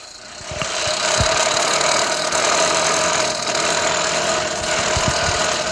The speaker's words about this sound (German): Das klingt ja wie ein Rasenmähermotor, der kaputt ist.